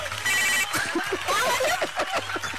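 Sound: telephone ringing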